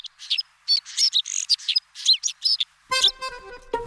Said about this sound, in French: Niverolle vient du mot neige. C'est un petit oiseau en partie blanc comme la neige. On l'appelle aussi le pinson des neiges, car il vit toute l'année sur des sommets enneigés.